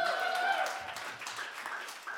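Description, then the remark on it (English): At a live music show, a crowd applauds the sound engineer in a dense, steady wash of clapping. A high, sustained cheer or whistle rides on top at the start, then fades as the clapping continues. “A big hand for Bob here on the sound, killing it.”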